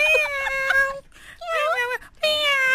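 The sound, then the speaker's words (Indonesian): Three drawn-out, wavering meows from a pet cat follow one another with short gaps between them, loud, rising and falling in pitch with a whiny, pleading tone. “Awak nak tengah bercakap dengan kucing awak tu?”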